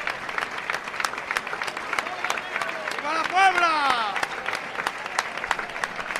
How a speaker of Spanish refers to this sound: Pasa el maestro por delante nuestra y si guardamos silencio, un silencio de respeto. Escuchen las palmas, señores.